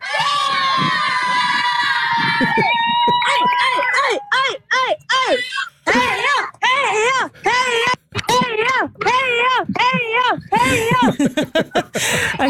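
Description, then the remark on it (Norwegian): A small group cheers and shouts loudly and continuously for runners as they pass, voices overlapping in rising and falling whoops and drawn-out yells, with a few brief pauses between bursts. “Men som dere hører, så skal dere ikke stå på heia-rop.”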